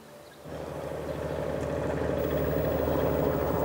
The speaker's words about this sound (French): Un navire est de retour. Ce bateau de pêche rentre au port de Loctudie.